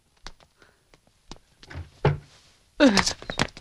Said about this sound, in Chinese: 谁敲门？急着报丧了。